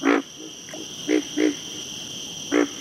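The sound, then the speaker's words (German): A frog croaks in short, throaty pulses at about two calls per second, several calls in a loose rhythm with a longer pause before the last, over a steady high-pitched insect drone. No talking. “Auch Frösche bedienen sich oft eines Rhythmus von 2 Tönen pro Sekunde.”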